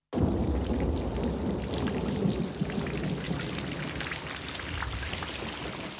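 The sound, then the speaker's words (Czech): Steady heavy rain pours down outside in a thunderstorm, a dense hiss of drops with low rumbling thunder rolling beneath it, continuous for the whole stretch with no voices. “Venku blýskalo a hřmělo.”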